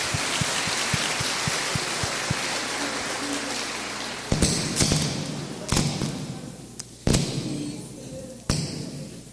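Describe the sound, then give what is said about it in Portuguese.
A crowd gives a round of applause of congratulations at a church gathering before Mass in Tocantins, in a dense, steady wash of clapping with soft rhythmic thumps underneath, then it thins out, punctuated by a few loud, sharp claps or knocks. “Parabéns, salva de palmas. Palmas.”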